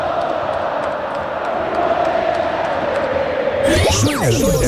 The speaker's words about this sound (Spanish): Pero escuchen, Mándalas, así grita el pueblo celeste, el pueblo pirata.